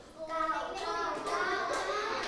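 A group of children in a classroom clap together for a classmate's correct answer in a steady burst lasting a couple of seconds, with young voices calling out over the applause at an even, moderate loudness.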